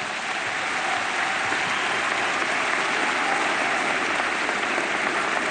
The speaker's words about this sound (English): Clap your hands and give God a praise.